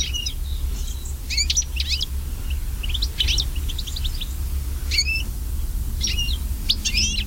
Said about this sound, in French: Si on prend un autre oiseau qui est commun, le chardonneret élégant, qui est tel oiseau en fait des jardins qu'on avait un peu partout dans Noël, lui décline fortement aussi.